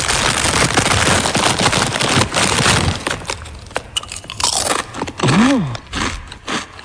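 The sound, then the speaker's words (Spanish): At the start of a song, crinkling and dense crunching of potato chips being taken out and eaten fill the first few seconds, followed by sparser, sharp chewing crunches and a brief rising-falling vocal sound near the end. “que mete al inicio de la canción como saca unas patatas fritas y se las come.”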